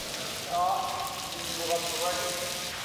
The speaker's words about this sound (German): Vielleicht hilft ja eine kalte Dusche. Die kann auch bei Elefanten anregend wirken.